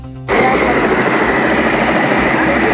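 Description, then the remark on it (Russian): A loud, steady roar of a helicopter taking off kicks in abruptly and holds at full strength, a dense wash of engine and rotor noise filling the whole clip; it is one of two helicopters fighting a fire at a tyre-recycling warehouse site in Kaledino. “Вот еще один взлетает.”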